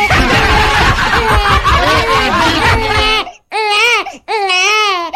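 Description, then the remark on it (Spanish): A baby who has just woken up cries loudly, first in a long continuous stretch, then in two separate drawn-out wails with short breaths between them. “Despertó la guagua.”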